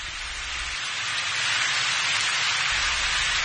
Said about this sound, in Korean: 밖에는 비가 점점 더 세차게 내리고 있었는데 일행은 소주로 가는 길이었다.